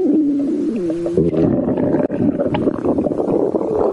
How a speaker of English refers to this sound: this stomach rumbling, it's making me a bit nervous. Are we going to get thrown up? Well, there's no record of orcas vomiting solid remains from their prey, and I suspect it would be unlikely that they will throw us up.